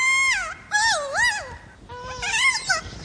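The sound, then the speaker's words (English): Recorded play calls of captive kea parrots: three loud, warbling bursts that swoop up and down in pitch, separated by short pauses, with no one talking over them. “They recorded captive kias making those warbling calls, then traveled to New Zealand where they played the recordings for wild kias.”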